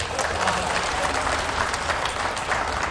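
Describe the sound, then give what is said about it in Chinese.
An audience breaks into steady applause at a performer's call to clap, a dense, continuous patter of many hands clapping at an even, fairly loud level for the full few seconds, with no voices rising above it. “这个何云伟是个小短腿， 鼓掌。”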